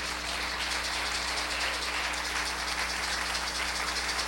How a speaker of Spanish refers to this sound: Así que denle un fuerte aplauso a Cristo.